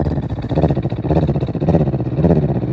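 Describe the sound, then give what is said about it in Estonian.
A person imitates a tomcat's purr on the out-breath, with a low, rumbling throaty vibration, steady and fairly loud, swelling in a few breath-long pulses with no speech. “No välja hingamisel ka mina võin teeselda, imiteerida nurrumist.”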